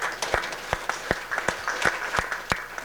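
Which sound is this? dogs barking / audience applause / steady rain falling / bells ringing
audience applause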